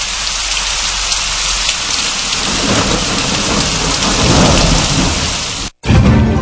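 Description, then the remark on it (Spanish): Heavy rain pours steadily in a dense hiss while deep thunder rumbles in and swells louder midway, then the storm cuts out for an instant and comes straight back. “Y en Monseñor Noel, medio nublado, a nublado en la tarde, con aguaceros fuertes, tormentas eléctricas y ráfagas de viento.”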